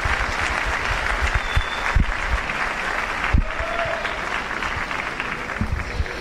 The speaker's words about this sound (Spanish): El aplauso fuerte para él.